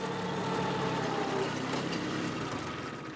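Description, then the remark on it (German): A tractor engine runs steadily as it is driven, a continuous low rumble with a rough mechanical drone that holds at a fairly even level throughout, easing off slightly at the end. “Mia scheint langsam ihre Spur zu finden. Beim Treckerfahren und in der Berufsschule.”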